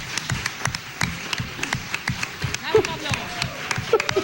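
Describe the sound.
An audience applauding: a steady, dense patter of many hands clapping at a moderate level for several seconds, with a few voices calling out over it.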